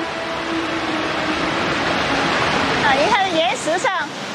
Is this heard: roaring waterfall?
yes